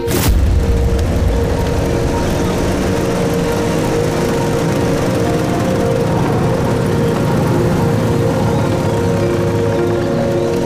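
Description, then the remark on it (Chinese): A convoy of motorcycle engines, the headquarters special-agent squad's motorcycle team, roars loudly and continuously, a dense, steady rumble with a throaty drone that holds for the whole stretch without pause or voices. “这摩托车队很威风嘛，看着镇长是一点没把兄弟你放在眼里啊。”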